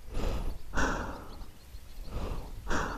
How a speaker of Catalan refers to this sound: Jo estava amagada a l'ombra de la paret exterior del túnel, amb la màscara antigàs preparada, sentint la meva pròpia respiració accelerada.